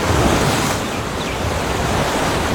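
Ocean waves wash steadily against the shore, a dense, continuous roar of surf that swells slightly at the start and then holds even, with no voices present.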